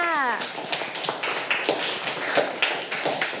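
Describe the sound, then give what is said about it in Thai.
A group of children in a classroom clapping together for a classmate, in a dense, fast, uneven patter of sharp claps that fills the whole stretch. A voice trails off at the very start. “เอาปรบมือให้เพื่อนค่ะ”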